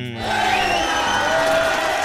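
A crowd cheers and applauds loudly and steadily, with rising whoops and shouts carried over a dense wash of clapping that fills the whole moment.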